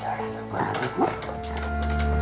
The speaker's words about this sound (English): Inside the rambling house, Sykes, the black and white Jack Russell, wakes up and hurtles to the front door.